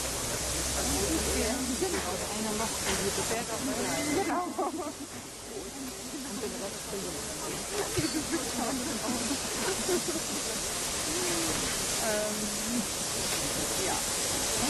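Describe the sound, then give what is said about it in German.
A steady, loud hiss of escaping steam from a black steam locomotive, running on water and coal and reversing into a roundhouse, runs through the whole recording, with a voice speaking over it and faint mechanical clanks in the background. “Bitte auch die Gäste im Rundhaus am Stand 3, also zwischen der 58 und der 503501, zur Seite treten, damit wir die Dampflok hier schön ins Haus zurücksetzen können.”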